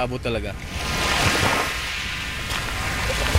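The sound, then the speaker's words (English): Waves wash steadily onto a beach lined with bars and houses in a continuous hiss of surf, even in loudness, with a brief murmur of voices at the very start. “We walk further along the beach, past a couple of bars and houses, to a small beachfront massage parlour.”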